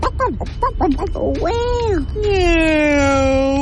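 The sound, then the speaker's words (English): A child imitates a turkey, starting with a quick warbling gobble of short choppy syllables, then sliding into a drawn-out, wavering, high-pitched call that trails downward. Fairly loud. “What does the turkey say?”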